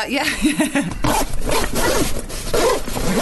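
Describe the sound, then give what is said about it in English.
Zips on a gym bag pulled open and shut in a rapid series of short, rasping bursts, one compartment after another, fairly loud, with no pauses long enough for quiet. “I just thought it was a beer long zip and they were having to do it in bits.”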